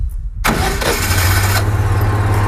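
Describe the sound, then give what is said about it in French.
A car engine cranks briefly and catches after a jump-start with clamps on the battery, plus to plus and black to minus, then settles into a steady idle with a low hum, loud and continuous with no talking. “Donc là j'allume le contact. Je mets en marche.”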